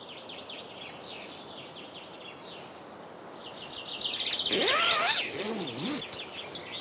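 Birds chirp and sing outdoors at sunrise, 4:30 am in May, in the Pargas archipelago, several overlapping calls repeating, with one louder bird swooping through a rising and falling song near the end. No one speaks.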